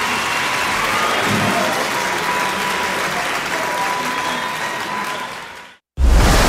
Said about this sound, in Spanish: Aplauso